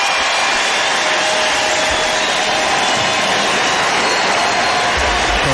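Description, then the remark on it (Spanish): A big baseball stadium crowd roars and applauds as Eliezer Alfonso comes out to bat, one continuous wash of cheering and clapping, loud and steady for the full few seconds, with no single voice standing out. “Y escuchen el público.”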